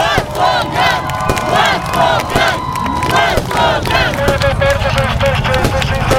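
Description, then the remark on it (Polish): Hundreds of people waiting in Gdańsk cheer and shout in welcome, many voices overlapping in loud, rising whoops that carry on without a break, with a thin steady tone sounding through the noise. “do Gdańska, gdzie czekały na niego setki osób.”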